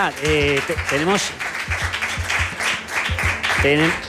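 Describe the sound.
An audience applauds in a steady, dense patter of clapping lasting several seconds, with voices calling out over it at the start and again near the end.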